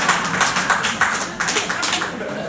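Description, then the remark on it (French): An audience in a hall applauds to answer a question put to them, asking who has ever watched a porn film: dense, crackling clapping that stays fairly steady for a couple of seconds, with individual claps faintly standing out and no voices on top. “Donc du coup, je vais savoir dans la salle ici, par applaudissement, qui a déjà regardé un film de porno?”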